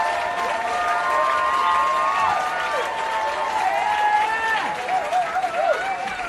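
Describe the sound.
A crowd claps and cheers steadily, with whoops and shouted voices rising over dense, continuous applause that stays loud throughout.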